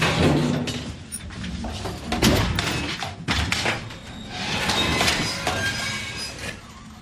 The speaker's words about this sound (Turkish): Çekmeceyi açın.